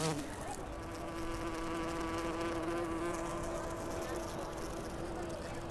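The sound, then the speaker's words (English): A bee buzzes steadily in flight, a continuous droning hum with rich harmonics that holds for several seconds without a break. “Is her tongue-like proboscis hanging out a sign that she's flying under the influence?”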